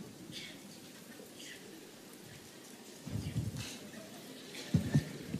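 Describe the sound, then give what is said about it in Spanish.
A crowd taps one finger against another as hard as they can, imitating rain starting to fall on a field, producing a soft, steady patter like light rain, with two brief swells of louder tapping toward the end. “Aplaudan con un dedo contra otro dedo lo más fuerte que puedan así.”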